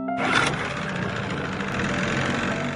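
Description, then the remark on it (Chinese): A boat engine roars, a loud, gritty mechanical drone that kicks in almost immediately and holds fairly steady, with no voices. The boat's engine power is varied up and down to make irregular noise that drives Chinese white dolphins away from a marine construction area. “不断变化船只马力大小，形成不规则噪音，同时连续不断地敲击竹竿，制造水下声强，直到确认1500米视线范围内没有中华白海豚”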